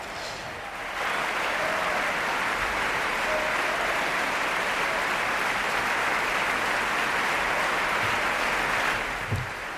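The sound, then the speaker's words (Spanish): Sustained audience applause for soloists of the Orquesta Nacional de España, raised on stage by conductor Ken Nagano to take bows; a dense, steady wash of many hands clapping that starts abruptly after a second and holds at an even, loud level throughout. “Mientras hablamos, el director Ken Nagano aparece sobre el escenario y va levantando a distintos solistas de la Orquesta Nacional de España, que en este momento saludan y reciben el aplauso del público.”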